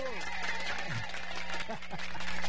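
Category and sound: crowd, applause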